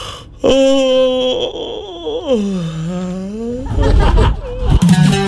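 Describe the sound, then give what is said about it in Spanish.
A long, drawn-out voiced yawn, its pitch sliding down and back up before ending in a breathy, rough exhale. No one speaks. “Un bostezo. ¿Qué te dice? Que tienes sueño, claro.”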